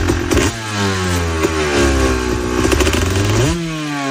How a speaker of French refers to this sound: Ouais, une motocross, ça fait du bruit. Effectivement. Dans le jardin, ça fera du bruit. C'est pour ça qu'il y a des circuits.